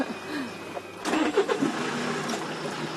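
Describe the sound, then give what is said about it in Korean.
The engine of an old-style Kia manual-transmission truck cranks and catches about a second in, then settles into a rough, rumbling idle, with no one speaking over it. “옛날 스타일 기아다, 이거. 뺏기 하는 때. 트럭도 운전할 줄 아세요?”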